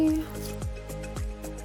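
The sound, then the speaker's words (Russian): Water drips and splatters as grated zucchini is squeezed by hand to remove its water while cooking, a handful of quick wet drops falling in an uneven rhythm over a soft squishing sound. “Отожмем кабачок. И без лишней по максимуму воды тоже отправим сюда.”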